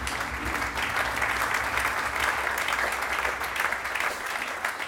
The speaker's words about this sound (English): And thanks to all the technical staff. You can applaud them, please, because they do a really good job.